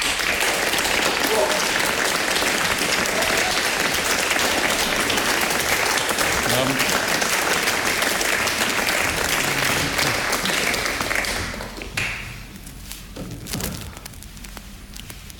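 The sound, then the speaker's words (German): Sustained, dense audience applause welcoming an author and philosopher lasts about eleven seconds before tapering off quickly, after which a single voice speaks a short greeting. “Begrüßen Sie bitte mit einem tosenden Applaus ….”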